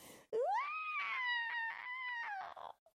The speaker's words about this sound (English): Screamed the witch. She began to shake and melt away at the edges.